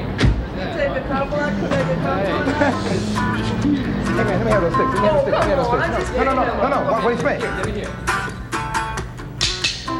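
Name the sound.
crowd screaming and hollering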